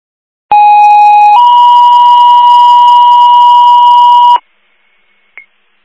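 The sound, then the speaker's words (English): Loud Herkimer County radio dispatch alert tones, the second tones for St. Johnsville calling out a lift assist in the Town of Danube: a short steady tone steps up into a longer, slightly higher one that holds for about three seconds, then cuts off, followed by a faint brief blip. “Herkimer County to St. Johnsville, second tones.”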